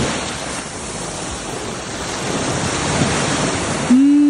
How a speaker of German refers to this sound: Live-Meeresrauschen. Und zwar direkt vom Estrenk.